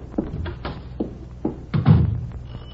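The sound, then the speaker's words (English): Someone knocks on a door about five times in an uneven rhythm, the solid thuds loud, with the last couple of raps coming quicker and heavier. “Will you open the door?”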